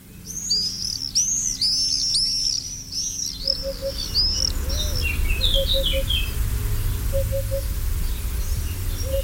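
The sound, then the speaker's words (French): Common swifts give shrill, rapid screaming calls, a dense burst of overlapping shrieks at first that thins to scattered cries, over a steady low rumble of outdoor background noise. “C'est le martinet noir qui vit près de l'homme dans les villages, les villes.”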